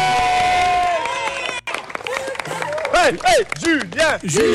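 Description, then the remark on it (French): A crowd at a school applauds the children after a completed challenge, clapping steadily while high-pitched excited voices cheer and shriek, their cries rising and falling in repeated swoops that grow louder toward the end. “On applaudit tout le monde, allez, on applaudit les enfants.”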